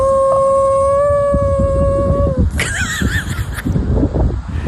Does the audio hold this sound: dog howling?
yes